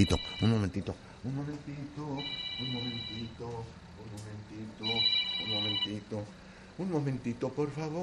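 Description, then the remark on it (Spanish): A telephone placed behind the speaker rings with an incoming call in two bursts of electronic trilling, clearly audible, while people talk continuously underneath and around the rings. “ahí está la llamada. Déjenme agarrar el teléfono porque está acá atrás de mí.”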